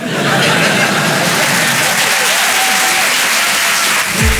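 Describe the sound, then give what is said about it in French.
An audience in Paris applauds steadily at a mention of a second child, a dense wash of clapping that holds at a loud, even level for several seconds before easing off slightly at the end. “Voilà, n'applaudissez pas sur ça.”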